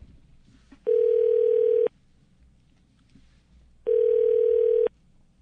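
A telephone ringback tone sounds twice, each steady buzzing burst lasting about a second with a pause of roughly two seconds between, heard through a phone line over faint background hiss, as a Cheng Sheng radio station afternoon programme phones a guest.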